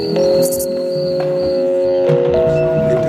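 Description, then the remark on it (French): Exploratory electronic music: a dense sound cloud of steady whining tones and shrill, buzzing chirps, like swarming mosquitoes and crickets, fills the whole stretch at a constant, fairly loud level with no voices. “Des nuages de son qui ressemblent à des nuages de son de moustiques, de grillons.”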